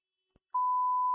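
A phone tone sounds as a single loud, steady electronic beep, held without a break until the end, preceded by a faint brief click. No one speaks.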